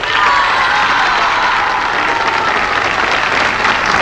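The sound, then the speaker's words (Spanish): An audience applauds steadily for several seconds, dense clapping with scattered cheers and whoops rising over it, loud, with no one speaking. “Un aplauso para él.”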